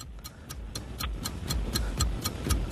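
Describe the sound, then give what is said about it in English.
A 60-second quiz countdown clock ticks steadily, with crisp, evenly spaced ticks about four per second over a low, rumbling bed of sound. No one speaks. “60 seconds on the clock and your time starts now.”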